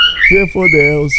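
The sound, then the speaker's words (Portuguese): A cockatiel named Jacó, the show's mascot, whistles a steady, high, sustained song melody for about a second, while a lower, voice-like harmonic sound rises and falls beneath it. “É, a Simone fala que quando a calopsita canta essa música, a gatinha dela arrepia o pelo, viu?”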